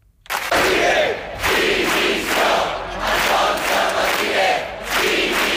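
A crowd of protesters in Palma, Mallorca, chants loudly in unison at midday against police charges at Sunday's demonstration against mass tourism, voices rising and falling in a steady, repeated rhythm of shouted phrases that continues without a break.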